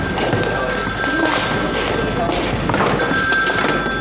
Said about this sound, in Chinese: 哎，病房电话。